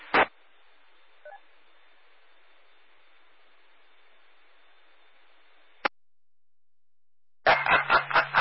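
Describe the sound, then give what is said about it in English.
A phone starts ringing near the end with loud, rapidly pulsing electronic tones, after several seconds of faint radio-like hiss and a sharp click. No one speaks. “Oh, now I'm getting a phone call.”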